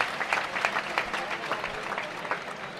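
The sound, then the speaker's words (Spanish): A crowd at a bullfight applauds steadily for the music band, many hands clapping in a dense, continuous patter of sharp bright claps, with no voices breaking through. “Aplauso a la banda de música.”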